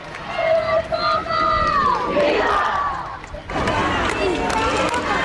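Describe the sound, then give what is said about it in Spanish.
A large crowd sings loudly together in drawn-out tones over a steady roar, then breaks into a dense burst of shouting and cheering that carries on to the end; in the morning the crowd repeatedly shouts "Viva el Papa, viva la Guardia Real". “empezado todos a gritar y a cantar.”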